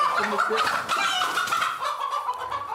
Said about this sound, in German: Die Hähner machen eine Gaude, wo die überall hinlegen.